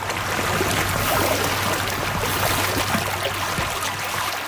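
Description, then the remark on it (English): Steady rushing and burbling of shallow stream water flowing in Richmond Hill, Ontario, during stream restoration work, a continuous bright wash of sound with a faint low hum underneath and no voices. “strapped on the hip waders and hopped in to help with stream restoration in Richmond Hill.”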